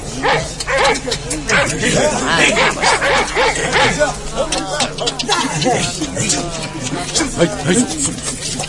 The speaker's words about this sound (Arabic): شدوا الكلاب مليح لا يورطونا مع حد